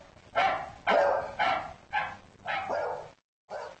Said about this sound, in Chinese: 他对吠叫声做出了应答，他能察觉出其他狗吠叫声的不同之处，他的反应是不一样的。